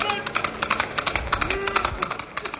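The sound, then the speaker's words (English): The hooves of a white horse, Silver, clip-clop in a quick, steady rhythm of sharp clattering beats, continuous throughout, with a brief faint voice-like tone rising in the middle, as the Lone Ranger rides on the trail. “A white horse and a cry of hey-ho, Silver.”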